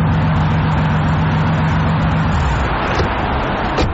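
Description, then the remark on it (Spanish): A newly bought car's engine runs steadily, a loud low rumble with a droning hum that fades after a couple of seconds while the rough idle continues. No one speaks. “Vaya, ¿es este tu nuevo carro?”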